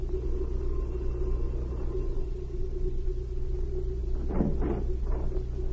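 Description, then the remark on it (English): A car engine rumbles low and steady, idling as a woman pulls her car up and stops at a house, with a few brief scuffing bursts near the end and no talking. “As she stopped her car, a messenger boy left the house.”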